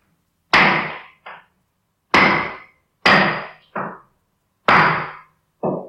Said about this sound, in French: Tu es là, dans ta maison, et tu commences à entendre des bruits de marteau.